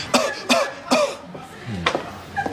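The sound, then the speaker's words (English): A quick series of sharp coughs: three in rapid succession, then a brief pause and a couple more spaced-out coughs, with faint throaty sounds in between. “Two quick coughs.”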